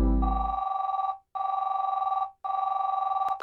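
A telephone rings in three steady bursts, each a buzzy, trilling electronic tone about a second long with short silent gaps between, loud with no voices.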